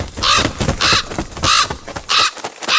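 A raven caws four times in a steady rhythm, each call harsh and rasping and loud, with nothing else audible between the calls.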